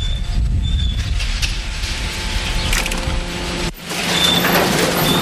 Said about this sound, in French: Ici, on est dans le domaine de l'ouvreur de sacs. Hein. C'est une machine qui nous permet d'ouvrir, on va dire, 95% des sacs. Qui ensuite passe sur une bande, hein, comme vous pouvez voir là actuellement.